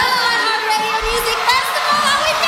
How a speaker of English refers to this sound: Can you hear how electric that crowd is?